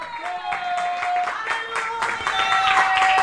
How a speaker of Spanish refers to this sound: Puede sentarse, aleluya, denle un aplauso al Señor. Aleluya.